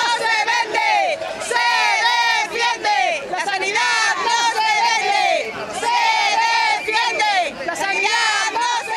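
About 1,500 protesters march on a Saturday in Santander, Cantabria, Spain, in defence of public healthcare, chanting slogans such as "la sanidad no se vende, se defiende" in loud, rhythmic unison, many voices rising and falling in repeated shouted phrases with no pauses across the whole stretch.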